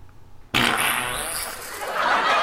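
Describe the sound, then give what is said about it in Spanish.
A recording of the hum that many people say they heard before an explosion: a loud humming roar starts abruptly after a brief quiet moment and holds steady to the end, a harsh, hissy drone with a thin high whine riding on top. No one speaks. “Este es el sonido, el zumbido que dice mucha gente que escuchó antes de la explosión.”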